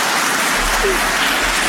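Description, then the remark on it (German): An audience claps for itself, a dense wash of many hands with no clear gaps, fairly loud and sustained throughout, with no voices rising above it. “Macht mal euch selber einen Applaus.”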